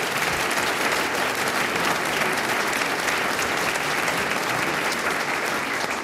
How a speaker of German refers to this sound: Ja, gib mir einem nochmal einen kräftigen Applaus.